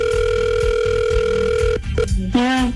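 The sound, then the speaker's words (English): A steady, unbroken electronic ringing tone of an outgoing phone call to contest winner number 4 for a Jamaica prize hums for nearly two seconds, then cuts out with a few clicks before a short, wavering tone takes over at the end. “Okay, let's call winner number 4 for Jamaica.”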